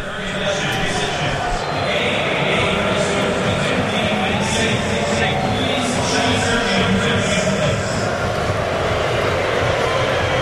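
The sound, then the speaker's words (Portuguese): An echoing stadium loudspeaker announcement postponing the players' entry to the match because of a lightning storm threat, the voice smeared and hard to make out, carried over a steady, dense roar of booing crowd noise that stays loud throughout. “O som veio com muito eco do alto-falante, não veio diretamente do alto-falante.”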